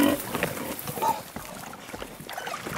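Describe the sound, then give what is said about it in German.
Porc Negre pigs, kept outdoors, grunt and snuffle in a busy, irregular jumble of low, rough sounds, with a few higher squeals early on, at a moderate level and with no talking. “Seine Schweine verbringen hier draußen nahezu ihr ganzes Leben.”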